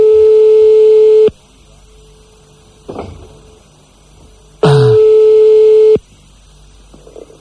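Two long bursts of a steady, loud telephone ringing tone as a phone call is placed, a single buzzy pitch with rich overtones, separated by a few seconds of quiet with a faint rustle in between.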